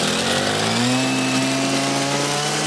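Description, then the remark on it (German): A brush cutter engine, used to clear hiking trails, runs loud and steady, a buzzing two-stroke drone whose pitch climbs slightly and then holds, with no voices over it. “du machst mit der Muttersense schon einen bedrohlichen Eindruck”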